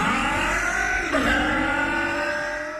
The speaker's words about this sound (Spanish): Para que tu auto suene así, limpia inyectores de Bardal. Con inyectores limpios, el auto anda mejor y ahorras combustible.